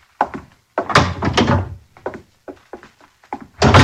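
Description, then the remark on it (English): A door being opened, with a series of heavy wooden thunks and rattling bumps of uneven rhythm, ending in a louder clatter; no voices. “open the door! I'm heavy with melons and cannot reach!”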